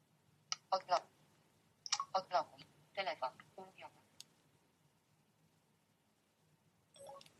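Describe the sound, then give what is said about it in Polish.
Quick bursts of sharp clicks from a phone keypad being unlocked, arriving in three tight clusters, then a pause and one last short burst. The clicks are crisp and fairly loud, with no talking over them. “Znów odblokuję klawiaturę.”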